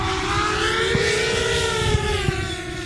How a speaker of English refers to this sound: The drone begins its flight guided by a pilot.